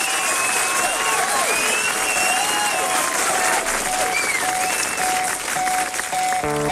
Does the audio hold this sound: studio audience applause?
yes